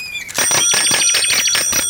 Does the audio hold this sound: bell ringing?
yes